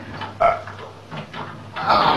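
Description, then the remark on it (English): A specially made door being forced open with a shoulder: irregular dull thumps and groaning creaks of strained wood, ending in a longer, louder scraping burst as it gives way. “If that won't open it, we'll have to smash in the door.”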